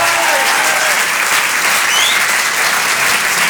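Loud, sustained applause from an audience, a dense steady clatter of many hands clapping at once with no pauses, a few faint whistles rising above it.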